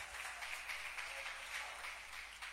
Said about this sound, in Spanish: ¿Cuántos alaban al Señor en esta hora? Regálele ese aplauso a Jesús, hermano.